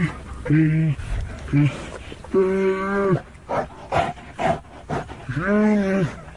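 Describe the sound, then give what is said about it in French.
Two stressed bears in a metal cage in South Korea cry out as veterinarians approach, with loud, drawn-out wailing roars, several calls in a row with short gaps, interspersed with grunting huffs and clanking. “Les deux bêtes tournent, crient, tentent d'effrayer les vétérinaires et leur jettent l'eau de leur gamelle.”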